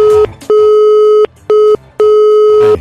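A loud telephone busy signal: a steady electronic tone repeatedly switching on and off in bursts of uneven length, with brief gaps between them and no voices.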